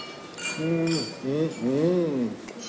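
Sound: wine glasses clinking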